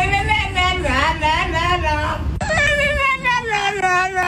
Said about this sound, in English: A very talkative French bulldog in Amsterdam is going viral online.